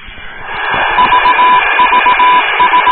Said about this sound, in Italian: Oh, questa è l'unica cosa che so riconoscere del Morse, che è il CQ.